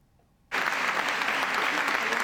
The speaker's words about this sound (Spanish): Un largo aplauso tras su regreso 25 años después de convertirse en la primera mujer en denunciar acoso sexual en política.